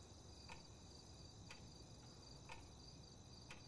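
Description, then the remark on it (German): An alarm clock ticks steadily, one crisp tick per second, four in a row against a quiet, faint hiss with no voices. “Na, wenn wir ganz leise sind, dann tickt dein Wecker ganz schön laut.”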